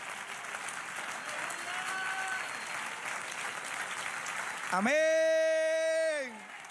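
An audience claps steadily in a dense, even wash of applause, then a loud sustained tone sweeps upward and holds over the clapping for about a second and a half before fading.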